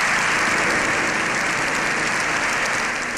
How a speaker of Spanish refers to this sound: El discurso de un pontífice ante el poder legislativo de un Estado aconfesional terminaba con 7 minutos de aplausos.